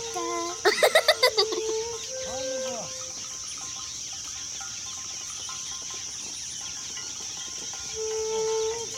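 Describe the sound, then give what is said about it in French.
A parrot lets out a quick run of about six harsh, squawky, loud calls, then a few softer whistles follow over a steady buzz of insects. “Oh, regardez là-bas l'oiseau. Waouh, magnifique. Je crois que c'est un perroquet.”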